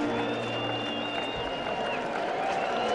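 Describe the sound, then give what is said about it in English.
A large baseball crowd of better than 30,000 in Chicago, on its feet at a White Sox game, roars steadily for the full few seconds, a dense wash of cheering and clapping with a few thin whistle-like tones rising above the noise. “This crowd is on its feet. Crowd of better than 30,000.”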